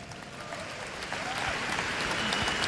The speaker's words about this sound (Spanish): Un aplauso a Dios Padre.